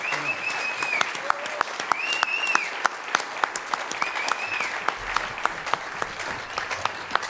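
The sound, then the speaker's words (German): An audience applauds steadily throughout, a dense patter of many hands clapping, with a few high, swooping whistles rising and falling over the noise, as a musician and a fellow performer come onto the stage. “Applaus bitte für … und Joko.”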